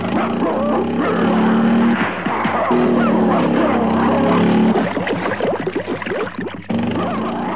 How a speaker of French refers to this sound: Edgar ne trouve son salut qu'en sautant sur sa moto pour regagner Paris. Une fois de plus, les deux molosses à ses trousses.